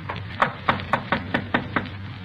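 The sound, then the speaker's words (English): Seven quick, evenly paced knocks rap on the front door of a house on Byram Street as police officers arrive, crisp and moderately loud over a low background hum, with no one speaking. “Front door. Better try it again, huh?”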